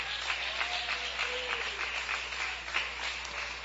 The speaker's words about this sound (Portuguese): Palmas para Jesus, bem forte.